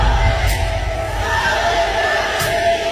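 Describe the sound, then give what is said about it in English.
A large concert crowd, prompted by the performer on stage, sings along in a loud, continuous wash of many voices, with a few sharp shouts cutting through the steady roar. “She's making the crowd sing.”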